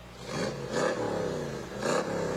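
A 1965 Cobra sports car engine rumbles loudly, its deep throaty tone rising in two strong revs with a brief dip between, no voices over it.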